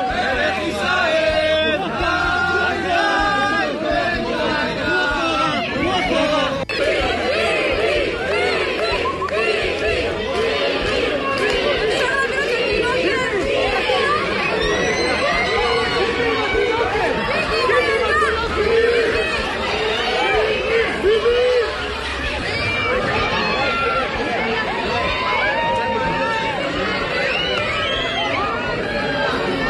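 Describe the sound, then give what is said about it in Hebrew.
A dense, loud crowd fills a shopping mall in Or Yehuda with overlapping shouts and chatter, many voices calling out at once in a continuous, echoing hubbub that never lets up; crowds shouting as they try to get photographed with Prime Minister Netanyahu during his visit. “רק נתאר לכם את מה ששמעתם, צעקות של המונים המונים שרק רוצים להצטלם איתו.”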